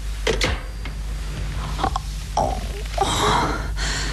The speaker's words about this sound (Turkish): Tanrım. Nefes alamıyorum.